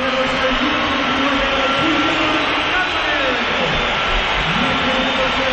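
A loud, steady football stadium crowd roar with shrill whistles woven through it, the jeering swelling in a continuous wash of disapproval that never lets up, as player Julián leaves the field and Ademola Lukman comes on.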